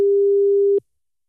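A single steady telephone ringing tone for an outgoing call made by Omroep Brabant radio to a listener, a clear mid-pitched beep lasting under a second, then cut off abruptly with a faint click into silence. No one speaks.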